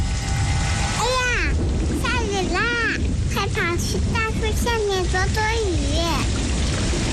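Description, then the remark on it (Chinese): Steady, dense rain hisses loudly throughout as someone flies a kite, with a faint rumble of thunder underneath, while voices speak clearly over the downpour. “下雨了，收起风筝吧，雨天放风筝容易被雷电击到。”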